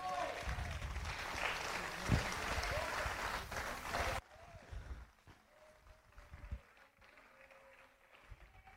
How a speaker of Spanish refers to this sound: Dale ese fuerte aplauso a Cristo, mi amado.